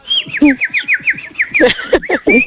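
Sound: bird chirping and whistling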